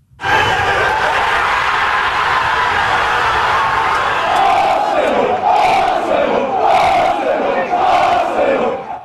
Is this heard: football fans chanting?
yes